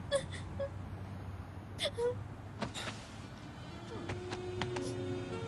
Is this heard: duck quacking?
no